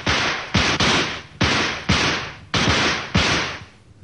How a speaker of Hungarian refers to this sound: Duella, kezdjük. 10 lövés.